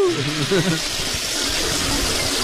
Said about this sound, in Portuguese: Alguém puxou a descarga, mas aí é uma várzea, né?